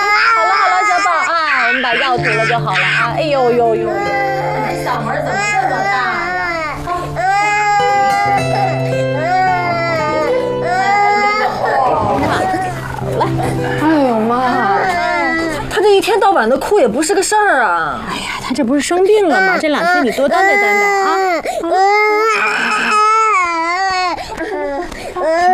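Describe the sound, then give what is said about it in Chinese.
A sick baby wails loudly and continuously for the whole stretch, its cries rising and falling in long, strained bursts, with adult voices faintly mixed in underneath. “那小孩哭不是正常的吗？”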